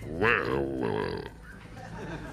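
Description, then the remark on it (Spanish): A voice imitates a wild boar with a rough, guttural grunting sound, loud and drawn out for about a second, as part of a spoken story narration, followed by quieter murmured talk. “Me va a costar poner el ruido del jabalí mientras narro.”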